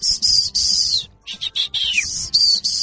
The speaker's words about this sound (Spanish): Ya sabíamos que si escuchábamos ese chiflido, entonces ya teníamos que ir porque mi papá no necesitaba para algo.